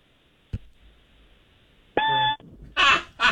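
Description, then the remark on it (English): A man's voice imitates the annoying chirp of a smoke detector going off in the middle of the night: one short, steady, shrill beep with a buzzy edge, preceded by a faint click and followed by two breathy, noisy bursts like laughter. “All right, do a smoke detector going off in the middle of the night, like that annoying chirping.”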